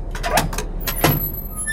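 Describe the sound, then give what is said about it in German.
A door creaks open, a couple of short squeaky scraping strains over about two seconds, fairly loud against a low background hum with no talking. “Ja, die muss quietschen, damit ich höre, dass ich noch eine Tür habe, ne?”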